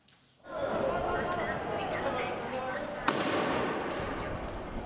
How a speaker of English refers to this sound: Another tense day in La Paz, with protesters blocking streets and lighting firecrackers, and police responding with tear gas. Crowds were dispersed, only to regroup again.